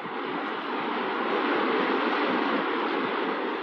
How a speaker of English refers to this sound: Oh, look. A waterfall.